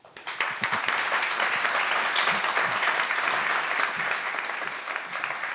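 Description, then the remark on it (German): Sustained applause from a large audience, a dense steady wash of many hands clapping at even loudness for several seconds, with no voices standing out. “Ich löse das noch kurz auf, in der Hoffnung, dass ich für Sie noch einen Applaus erbeuten kann.”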